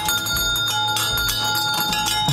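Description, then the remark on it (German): An original 1950s fire engine bell on a nostalgia carousel rings loudly, its clapper striking in rapid, continuous bursts that leave a bright metallic tone hanging throughout, with no voices. “mit der Original-Feuerwehr-Auto-Klingel aus den 50er Jahren.”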